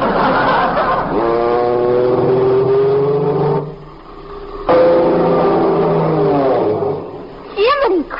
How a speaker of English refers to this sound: An airplane! Look, Uncle Cecil, a skywriter!